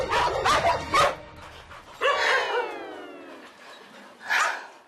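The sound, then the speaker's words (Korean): Dogs in a kennel, among them Mary, who does not get along with dogs from other kennels, bark sharply several times in quick succession, then a long, wavering yelp trails off before one more loud bark rings out, with no voices present. “다른 견사의 강아지들과도 잘 지내지 못하는 메리.”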